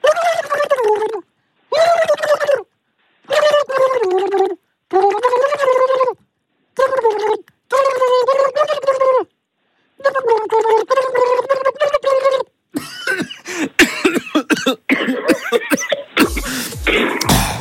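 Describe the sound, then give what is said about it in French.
A voice sings a tune in short, pitched phrases with the singer's head in water, the notes muffled and bubbling, then breaks into rough gurgling and sputtering splashes as the singer swallows some water, not having taken enough breath. “Bon, alors je vais mettre ma tête dans l'eau.”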